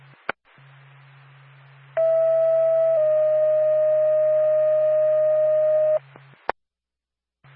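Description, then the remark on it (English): A Lancaster Ambulance radio dispatch alert tone: a loud, steady one-second tone shifts to a slightly lower tone held about three seconds, framed by radio clicks and a low background hum. “Stand by for tone.”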